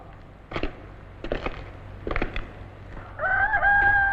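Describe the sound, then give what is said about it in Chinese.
Several short, sharp chicken clucks arrive at uneven intervals, then a rooster launches into a loud, sustained crow that rises in pitch and holds steady. No one speaks. “这一下子我们又可以增加50000只生蛋鸡了。”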